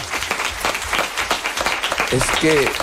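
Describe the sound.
An audience applauds steadily, a dense crackle of many hands clapping at an even loudness, with a few voices calling out over it near the end.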